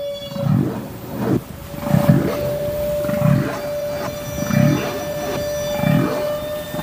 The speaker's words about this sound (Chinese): 科学家们首先分离出了大赤鲸吐气泡的声音。